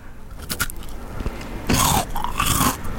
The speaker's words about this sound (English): But I'm going to use a different part of my teeth for this bite, really.